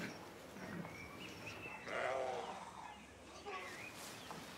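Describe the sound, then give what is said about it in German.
A sheep bleats loudly for about a second, a wavering, quavering cry, with fainter bleats from other sheep and outdoor background noise before and after. “Wir haben ja schon eigentlich viele Schafe hier, aber ja, unser Kerry Hilbock hat noch keine Damen.”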